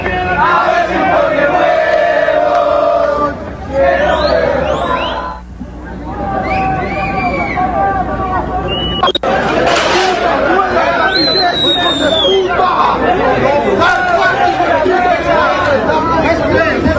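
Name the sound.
football fans shouting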